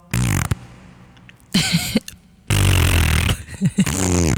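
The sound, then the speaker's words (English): Someone blows raspberries with their lips as a test replacement for clapping, producing three loud, buzzing, fart-like bursts, the last one long and sputtering, with short pauses between. “if we had to replace clapping, why don't we do blowing raspberries? It makes as much noise, and if you're lucky, you'll make a fart sound.”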